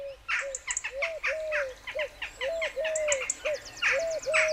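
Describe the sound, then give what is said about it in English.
A dense dawn chorus of songbirds, many birds chirping and trilling at once with overlapping bright calls, steady, no voices present. “As a newborn, he'd wake at dawn and we'd listen to the bird chorus together.”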